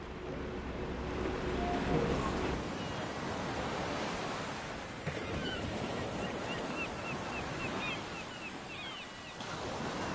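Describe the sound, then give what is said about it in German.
Rough sea waves surge and wash steadily around a ship at night, with the swell coming from the front, a dense, continuous roar of water with gusting wind, fairly loud, with no one speaking. “Die Nacht bleibt bewegt, aber ohne Vorkommnisse.”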